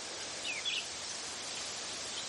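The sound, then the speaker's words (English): Wind rustles through the little round leaves of quaking aspen trees in a soft, steady hiss that stays even throughout, with a couple of faint, brief bird chirps early on. “It's these quaking aspen kind of rustling their little round leaves.”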